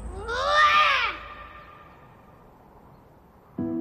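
A single loud, drawn-out animal roar rises and then falls over about a second before fading into quiet background, with another sound starting abruptly just at the end.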